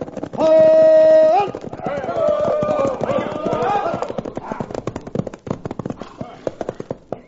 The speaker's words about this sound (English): Well, Colonel, there you are. There comes your wagon train right on schedule. And I defy anyone to tell that that isn't a real wagon train and that those tarpaulins are covering up 200 of your men armed with Gatling guns.